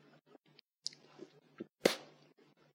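Wet chewing of sticky larch resin gum: a series of soft smacking clicks at an uneven pace, then one sharp, louder smack near the end, with no one talking.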